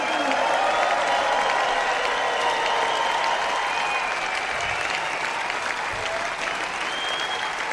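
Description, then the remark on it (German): Sustained applause from a large audience at the Klassik Open Air Nürnberg 2026 concert, for the Nürnberger Symphoniker and Jonathan Darlington: a dense, steady wash of clapping with faint cheers and whistles riding on top, holding at an even loudness throughout. “Ein großer Applaus geht an die Nürnberger Symphoniker und Jonathan Darlington.”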